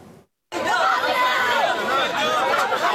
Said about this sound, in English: Large crowds of displaced Palestinians gathered at food distribution points in the southern Gaza Strip city of Khan Yunis. As families waited for hot meals provided by community kitchens, underscoring the deepening humanitarian crisis in the enclave.